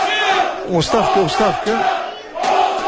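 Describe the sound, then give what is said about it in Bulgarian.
A large stadium crowd at a football match between Ludogorets and Lokomotiv Sofia chants "resignation" in unison at Lokomotiv Sofia's coaching staff. The loud, rhythmic syllables rise and fall over a constant roar of voices that swells again at the end. “Оставка, скандира публиката.”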